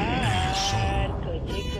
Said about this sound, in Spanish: A ver, ¿qué les mandaste? Un coche.